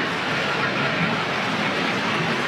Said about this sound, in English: It can be loud here when those planes buzz us. We got a lot of that yesterday, the day before.